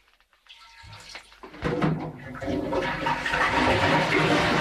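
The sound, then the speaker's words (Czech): A stream of water poured from a kettle as a recorded sound effect to mimic urination at a men's urinal: a faint trickle, then a loud, steady splashing hiss that keeps building. No one speaks. “Je tam čurání, zavírání dveří”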